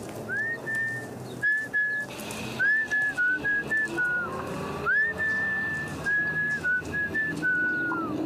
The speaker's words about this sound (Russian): Мы выходим на Арбатскую площадь. Я принимаюсь насвистывать и сую руки в карманы.